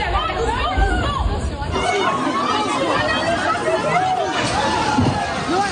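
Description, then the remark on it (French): A dense crowd chatters loudly and continuously, many overlapping voices forming a busy hubbub with no single speaker standing out, as young people, parents and elderly people rush into a store at its 8 a.m. opening, the doors collapsing under the pressure of the crowd. “À l'ouverture, prévue à 8h, les portes se sont littéralement effondrées sous la pression de la foule.”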